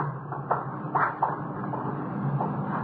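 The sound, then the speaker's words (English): A closet's front door being opened, giving a few short wooden clunks and rattles in quick succession over a steady low background hum, with no one speaking. “We've got the front door to the closet.”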